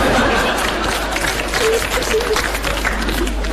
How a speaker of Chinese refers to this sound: 鼓掌，这就算开张大吉了。这其实我心里明白，您这掌声是欢送主持人下场。